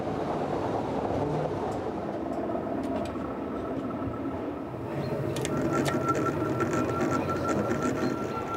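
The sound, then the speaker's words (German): A railcar of the single-track mountain railway to Pilatus Kulm rumbles along the track at the Emsigen crossing station, a dense low mechanical roar with a faint whine above it, growing slightly louder midway as sharp clicks and clatter join in. “Nur hier können die Triebwagen aneinander vorbeifahren.”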